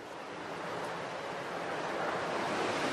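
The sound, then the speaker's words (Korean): A steady, broad roar of rushing water from Victoria Falls fills the scene, heard along a forest walking trail that follows the falls. The sound is dense and continuous, growing slightly louder toward the end with no voices present. “트레일을 따라 쭉 올라가다 보면 빅토리아 폭포가 나오고 9번부터 16번 포인트까지는 계속 폭포를 따라 저렇게 걸어가는 그런 트레일입니다.”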